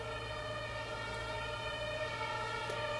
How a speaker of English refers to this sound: Yeah, but it's very a special place, I think, because yeah, we're like literally like almost on Sonnenallee, like a very busy long street that goes through Neukölln. You can hear maybe an ambulance or something.